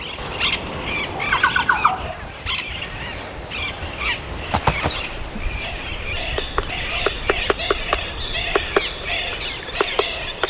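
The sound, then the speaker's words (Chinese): Birdsong echoes through the mountains as sunlight breaks through the clouds: sharp chirps, squawks and trilling calls repeat irregularly over a soft background hiss, with no one speaking. “当阳光穿透云层，山间又回荡起悦耳的鸟鸣。”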